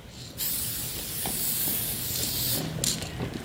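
An aerosol spray paint can hisses steadily for about three seconds, with a brief stronger burst near the end, as a graffiti writer paints a throw-up, a simple outline of letters, in Wellington in 2016; no one speaks.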